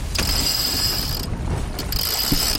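A winch ratchet on a sailing boat that has just left port clatters as the sails are hoisted, rapid, buzzing clicks through two long cranking bursts separated by a short pause, over a steady low rumble of wind and water.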